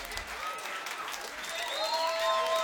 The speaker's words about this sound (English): Let's give the band a nice round of applause, this wonderful band.